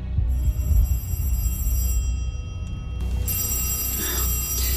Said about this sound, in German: Das Telefon klingelt, Daddy.